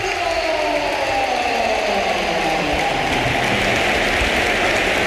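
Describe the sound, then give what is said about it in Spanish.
A stadium crowd at the Bernabéu stands and gives a loud, sustained ovation as Bellingham is substituted during a Real Madrid match against Málaga, with dense applause and roaring cheers holding steady throughout, and no individual voices standing out. “Y vamos a escuchar una gran ovación, ¿eh?”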